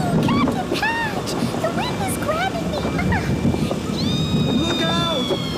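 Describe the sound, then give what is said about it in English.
Loud, steady roar of stormy surf and gale-force wind at sea as a huge wave rises, with no single distinct crash, while high squeaky chirps and vocal cries rise and fall over the churning water. “A huge wave as big as a mountain.”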